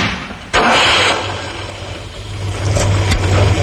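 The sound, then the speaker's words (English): A Ford Capri car engine runs loud with a steady, throaty rumble that swells slightly toward the end, broken by a sharp knock early on and another brief thump near the finish. “Powerful as a sports car. With a choice of engines including a new 3-litre V6.”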